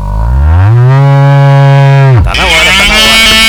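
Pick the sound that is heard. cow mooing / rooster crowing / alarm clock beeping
cow mooing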